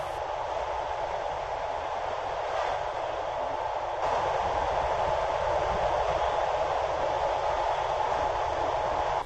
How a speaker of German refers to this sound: Die Nacht war kurz, aber schön und der Zug rollte weiter in Richtung Süden.